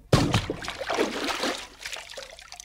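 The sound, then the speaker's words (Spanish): A sudden loud splash as someone jumps headfirst into a river, followed by a couple of seconds of churning, sloshing water that gradually settles. No voices are heard. “Pronto, pronto, quítate tu ropa y arrójate de cabeza al río.”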